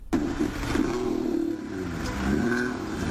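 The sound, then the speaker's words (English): Neil the Seal, a 5-year-old elephant seal being poked with sticks to move him off a suburban road in southern Tasmania, lets out a loud, deep, guttural bellow. It is a continuous throaty rumble lasting about three seconds that swells slightly toward the end, almost like a revving engine. “I've got some audio here of how Neil took to getting poked.”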